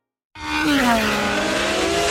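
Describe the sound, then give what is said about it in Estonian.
A race car at the Estonian Grand Prix on the Porsche Ringrada track in Pärnu, Estonia roars past at speed, its engine note sliding downward in pitch as it goes by, loud and continuous with a broad rushing noise and no voices. “Augustil kohtume taas Pärnus Porsche Ringrajal, kus kihutavad regiooni kiiremad autod ja mootorrattad.”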